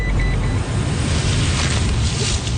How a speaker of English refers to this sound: She loads everything into the truck and we head off to a walking track on Mount Victoria, which is an area covered under phase two.